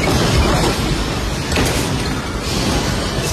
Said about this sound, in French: Cet ancien parlementaire se trouvait à l'aéroport de Caracas au moment du séisme. Il filme l'effondrement d'une partie du plafond dans un grand fracas.